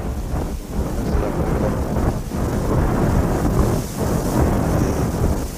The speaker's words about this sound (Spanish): Tal es el viento que estamos oyendo.